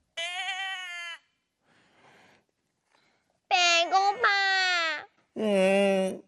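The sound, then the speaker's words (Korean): A cat meows in four drawn-out, whiny cries, loud and wavering in pitch, with a short quiet gap after the first and the last three coming close together. “약간 배고파서 짜증이 난 고양이 소리일 것 같아.”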